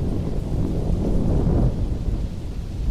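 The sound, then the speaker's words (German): Continuous rolling thunder rumbles low and heavy for the whole stretch, swelling slightly in the middle before easing back, with a faint hiss like rain mixed in and no voices. “Ein stetiges Grollen schreckte das Mädchen aus ihrer Konzentration. Es glich nicht einem einzelnen Donnerschlag, sondern vielmehr einem außerirdischen Gemurmel, das fortwährend andauerte.”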